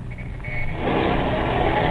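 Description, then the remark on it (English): A car engine is started, rumbles low, then revs up and grows steadily louder and fuller as the car pulls away, with no voices. “Start the car, Toots, and get moving.”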